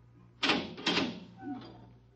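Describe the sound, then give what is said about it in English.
A door is opened: two sharp clunks of the latch and handle in quick succession, followed by a softer, brief creak as it swings, with no voices. “Open the door.”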